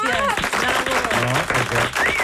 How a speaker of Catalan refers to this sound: Però emotiu i maco. I volia felicitar per això. Un aplaudiment